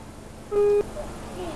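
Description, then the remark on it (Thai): A single short, loud honk of a car horn, pressed at the front of the steering wheel from inside the car to show children how to signal for help if trapped in a car, lasting about a third of a second, rises out of quiet background noise and stops abruptly. “เด็กๆได้ยินเสียงไหมคะนี่นะคะก็คือเสียงแตรรถนั่นเองถ้าเด็กๆกดเมื่อเด็กๆติดอยู่ในรถนะคะคนที่อยู่ข้างนอกค่ะก็จะรู้ว่ามีเด็กๆติดอยู่ข้างในค่ะบริเวณของแตรรถนะคะก็จะอยู่ที่ด้านหน้าของพวงมาลัยนั่นเองค่ะ”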